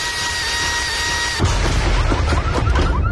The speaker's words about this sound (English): Hey, neighbor. What you working on over there? I'm just adding some power to the old leaf blower. Is that a turbo?